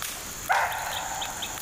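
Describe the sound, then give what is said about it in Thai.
At night under moonlight, a single sharp barking deer alarm call rings out, sounding like a dog's bark, followed by faint high chirps in a quiet outdoor background with no one talking. “ดวงจันทร์แรมสามค่ำทอแสงนวลเก่งร้องเสียงกระชั้นกระชั้นดังคล้ายเสียงหมาเห่าพวกมันคงได้กลิ่นควัน”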